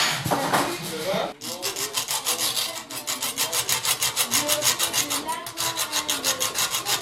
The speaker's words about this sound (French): Là, je suis en train de couper du métal pour essayer de récupérer un axe de roue.